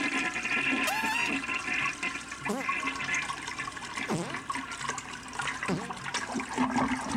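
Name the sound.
toilet flushing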